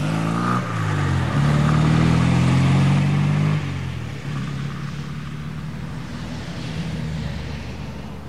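A car engine roars as it pulls away heading toward the motorway, a loud low growl climbing in pitch before easing off into a steadier, quieter rumble that carries on to the end.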